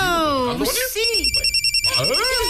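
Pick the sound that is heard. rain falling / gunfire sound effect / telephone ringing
telephone ringing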